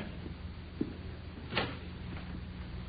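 A front door is unlocked: a small click, then a louder, brief metallic clack of the lock turning over a low, steady background hum. No one speaks.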